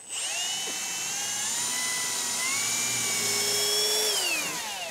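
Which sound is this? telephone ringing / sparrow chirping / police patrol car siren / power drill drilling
power drill drilling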